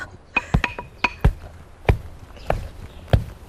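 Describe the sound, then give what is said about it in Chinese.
A heavy tamping tool pounds earth spread flat, compacting the soil, middle first, while building a sunken-courtyard cave dwelling (dikengyuan) in China. Each dull, thudding impact lands at an uneven pace, with faint scraping and clinking sounds between the blows. “先到中间打， 站在这里。 对，到不要砸着脚一点。 不要砸着脚，这个还挺危险的。”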